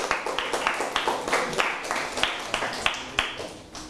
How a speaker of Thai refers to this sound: ปรบมือให้เพื่อนเช่นเดียวกัน